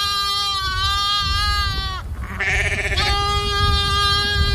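A goat bleats loudly in long, wavering, drawn-out cries, with a brief break in the middle before the bleating resumes. No one speaks.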